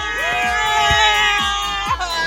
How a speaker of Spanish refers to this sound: Y venga ese grito de Guadalajara.